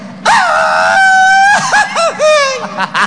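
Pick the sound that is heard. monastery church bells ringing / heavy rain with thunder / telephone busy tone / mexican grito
mexican grito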